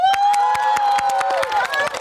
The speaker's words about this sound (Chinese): 大伙儿觉得啊，谁推荐的精彩，就用你们的掌声、欢呼声告诉我们，好不好？ 好， 好，你们觉得他们的表演精彩的，就响起你们的掌声、欢呼声，让我们听到。